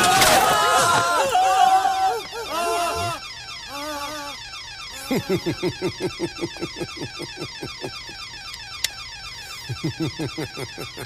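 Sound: alarm ringing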